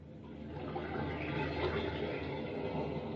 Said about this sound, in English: Those are waves of the Mediterranean caressing the shores of romantic Mallorca, where Elgin American found the simulated pearls of all time.